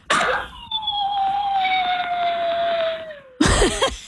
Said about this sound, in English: Sound of our dog who sometimes hasn't learned how to separate from us when we're at work